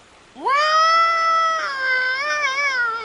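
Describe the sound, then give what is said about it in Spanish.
A person imitates a moose bellow to try to call a moose, a single long, nasal call that swoops upward at the start, then holds loud and strained for nearly three seconds with a wavering tremble. “Veamos si berreando como un alce, podemos llamarlo.”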